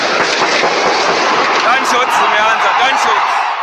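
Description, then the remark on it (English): Sharp gunshots crack out over a dense, roaring stadium crowd after a scuffle breaks out in a section near the pitch, with many voices shouting together throughout and the din staying loud and continuous. “A scuffle breaks out in a section close to the pitch, reserved for the president and other dignitaries, followed by gunfire.”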